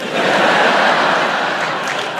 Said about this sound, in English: I always love that clap. It's always very proud, and then they realize it's only like five people.